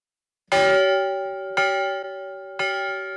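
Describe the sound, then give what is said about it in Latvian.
A church bell placed by Rainis's house in Berķinele rings three times at an even, unhurried pace, each loud strike leaving a rich metallic hum that sustains and overlaps the next. No voices are present. “ieskandina pie mājas izvietoto baznīcas zvanu.”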